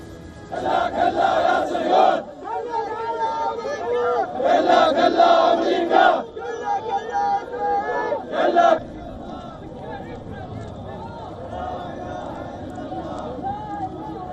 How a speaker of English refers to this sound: Earlier, Iraqi men shouted slogans chanting death to America as they carried the bodies of those killed.